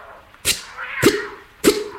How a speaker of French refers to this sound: Mon chat aussi. Tiens, écoute-le.